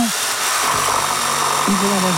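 A power drill runs steadily, a dense, high-pitched mechanical whine filling the whole clip, with some low tonal sounds rising and falling underneath.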